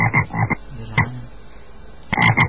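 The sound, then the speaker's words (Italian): Frogs croak in short, rhythmic bursts, a quick cluster at the start, a single call near the middle and another cluster at the end, loud with no voices. “Già, quando sentiamo le rane è il momento di parlare di musica.”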